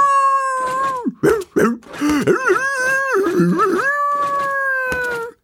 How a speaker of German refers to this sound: fängt seine Hundenase an zu zittern. Er reißt die Augen auf, schielt und beginnt dann wild zu jaulen.